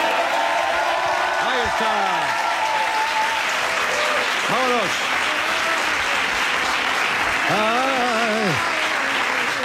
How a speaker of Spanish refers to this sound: Pero se han aplaudido ahora, ¿qué quieres tú también? Poco me ha parecido.